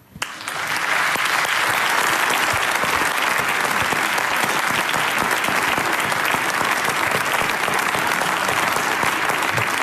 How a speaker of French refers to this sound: Mesdames et messieurs, je vous demande d'accueillir et d'applaudir très fort